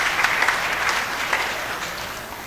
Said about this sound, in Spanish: Janteca, hermanos de Chilbe, Sagrada Familia. Fuerte aplauso a los hermanos.